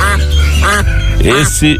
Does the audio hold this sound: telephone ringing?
no